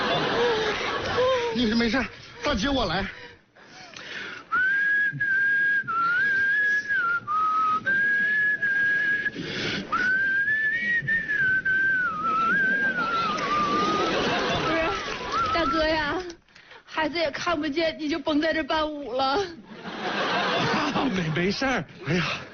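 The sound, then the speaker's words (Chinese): Someone whistles a wavering, sustained tune for several seconds inside an elevator, clear, with voices and soft laughter around it before and after. “电梯里吹口哨，容易漏水。”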